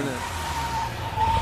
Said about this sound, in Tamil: ஏ car வந்துச்சுப்பா, அந்த பாரு car. என்ன கார் அங்கேயும் நின்றுச்சு.